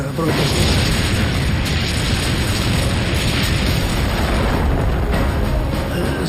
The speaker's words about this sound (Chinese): 就像在放烟花。 卡秋这火箭炮非常厉害，持续强劲的炮火打乱了我们的阵型。